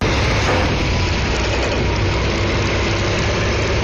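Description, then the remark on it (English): A heavy 18-wheeler truck engine idles with a steady, deep rumble and constant loudness throughout, as trucks arrive on a Thursday morning at the West Virginia Capitol grounds carrying a transportable Ferris wheel, with no speech or other distinct sounds. “Truck by truck, the America 250 wheel began arriving Thursday morning. It will take 10 18-wheelers and a dozen men to assemble this 700,000-pound ride.”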